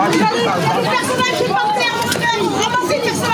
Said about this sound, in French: Même ambiance à Dreux, en Eure-et-Loir. Mais c'est des malades, les gens. Où là aussi, la foule était là tôt ce matin pour espérer repartir avec un ventilateur ou bien un climatiseur.